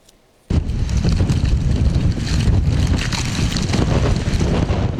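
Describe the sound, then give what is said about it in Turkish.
Powerful storm wind in Istanbul, with speeds up to 80 km/h, roars and buffets a microphone, starting abruptly after a brief quiet moment and staying loud and turbulent throughout with deep rumbling gusts and no voices. “Gün boyunca etkili olan sağanak yağış, şiddetli rüzgar ve soğuk hava.”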